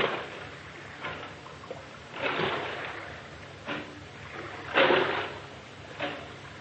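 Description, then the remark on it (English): Oars dip and splash through water in a slow, steady rowing rhythm as a boatman rows a boat round the Blue Grotto, each stroke a soft wash of spray about a second apart, with no voices. “Now, I will row you round the Blue Grotto.”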